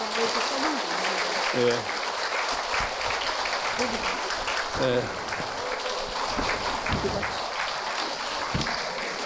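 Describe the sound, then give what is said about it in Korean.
An audience at a book concert claps steadily for the monk's mother, with dense sustained applause for several seconds, while a few voices murmur faintly underneath. “특히 오늘 어머니 보살님이 여기 오셨는데 모두 그분 위해서 박수 한번 쳐드릴까요?”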